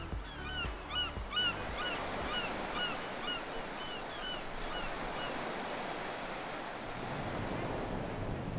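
sea waves

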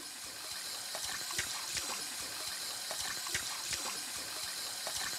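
water running

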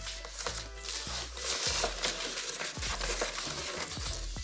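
plastic film tearing

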